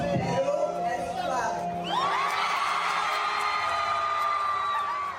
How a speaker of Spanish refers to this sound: Allí la actriz se reencontró con sus seguidores peruanos en una noche que reunió a medios locales e internacionales de distintos países de Latinoamérica. El público la recibió entre gritos y aplausos, demostrando que finalmente Perú es clave.